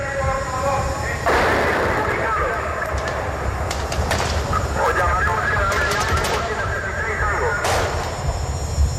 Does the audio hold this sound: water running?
no